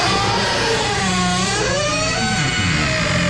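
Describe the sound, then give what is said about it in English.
A squeaky door hinge in a house in Maui creaks in one long, steady groan, its rough, buzzy pitch wavering and bending up and down for a few seconds. It's loud and continuous, with no one talking. “And he has recorded a squeaky door in his house.”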